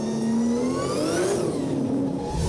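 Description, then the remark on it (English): A race car engine howls steadily as Dwayne McKeever spins the car around at the finish line in round 3, losing grip and staying on the throttle, its pitch sweeping up and down as the revs climb, dip and climb again, with a rough whirring grind underneath and no voices. “Fires the car in, completely loses grip, stays on the throttle, and then the car just washes off the track.”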